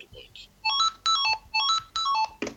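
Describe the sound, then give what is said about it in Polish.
An electronic tag marker, triggered by tapping twice on a screen, sounds its alert tone: four quick bursts of bright, high-pitched melodic beeps in a steady rhythm, like a short phone ringtone, fairly loud over faint background noise. “W momencie, kiedy mam ten tekst, jeżeli puknę dwa razy w ekran, no to mi się ten znacznik odezwie. A ten akurat ma taki dźwięk.”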